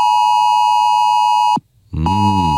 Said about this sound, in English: Monday, by the way, we will be having our first ever phone test across Australia, which means that we'll be having alarms going off across our phones. Every compatible phone, smartwatch and tablet in the country will blare this alarm for 10 seconds.